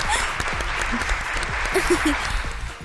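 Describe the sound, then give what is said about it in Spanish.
A short burst of applause from a small group after a presentation on street foods, steady dense clapping, with a few faint voices murmuring underneath. “¿Aplausos?”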